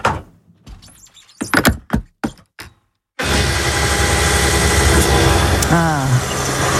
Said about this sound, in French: Une pompe à essence pour mettre l'essence dans la voiture.